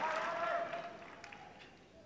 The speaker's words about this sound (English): And the crowd getting behind him now, you can hear them rising up.